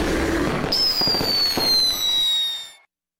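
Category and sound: sound effect, fireworks exploding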